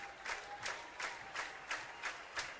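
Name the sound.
baseball stadium crowd cheering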